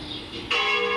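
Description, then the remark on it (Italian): Church bells ring out with a sudden, loud strike midway, their bright metallic tones sustaining and overlapping as a rich ringing wash, dominant with no talking. “Hai visto le campane?”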